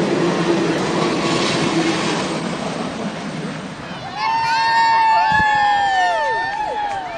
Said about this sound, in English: It took less than a minute for Big Boy, the world's largest operating steam locomotive, to pass hundreds of people along its whistle-top tour from coast to coast.